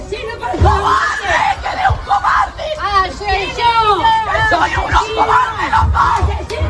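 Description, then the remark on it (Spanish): A large, agitated crowd of dozens of neighbours shouts and yells over one another, crying "asesinos" (murderers) as an armoured Guardia Civil van arrives, voices overlapping in a loud, continuous hubbub of angry outcry. “han llegado sobre las 9:15 de la mañana en una furgoneta blindada de la Guardia Civil y claro, bueno, decenas de vecinos esperaban ese momento, gritos de asesinos, asesinos.”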